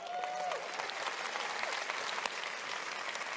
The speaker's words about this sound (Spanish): ¿Quieren venir aquí un momentito? Denles un buen aplauso.